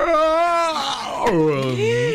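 A man's long, loud yawn stretches over about two seconds, its pitch sliding up and then sagging down in a drawn-out vocal groan, heard on its own without other talk.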